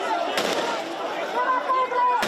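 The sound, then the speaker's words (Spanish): Sharp gunshots fired into the air crack out, a quick pair and then a single later shot, ringing over a steady murmur of crowd voices and commotion, where police are holding back a group of migrants. “En varias ocasiones se han escuchado disparos al aire.”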